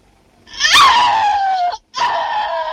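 A loud, piercing scream from a shower scene in a De Palma film that rises sharply, then slides slowly downward in pitch, breaks off for a split second and resumes at a steady, shrill pitch. No talking.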